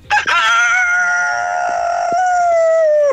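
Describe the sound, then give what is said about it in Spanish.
A rooster in Valparaíso crows loudly, a short clipped start rising into one long, drawn-out harmonic call that holds for about three seconds before cutting off. No one speaks. “Ya, igual está bueno el gallo.”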